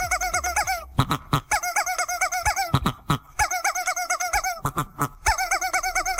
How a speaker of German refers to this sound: Das ist geil, ne? Weil da direkt zwei Hühner zusammen gackern und musizieren.